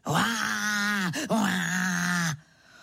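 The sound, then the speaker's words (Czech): A human voice imitates a leopard's roar, the leopard roaring outside in a garden, standing beneath a window: two long, loud, low groaning bursts, split by a brief catch of breath, ending abruptly into quiet. “Levhart, to on tak řve.”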